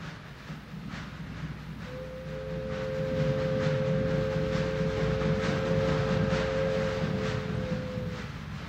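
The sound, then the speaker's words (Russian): A train rumbles in, growing louder, with rhythmic clacking of wheels over rail joints and a long, steady high whine running through most of the approach. “Граждане пассажиры, забирайте вещи, подходит поезд.”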